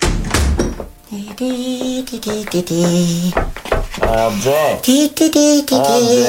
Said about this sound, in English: I've only closed the door